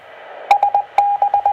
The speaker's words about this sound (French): Il y a toujours du bip avant comme ça?